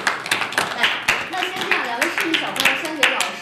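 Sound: audience applause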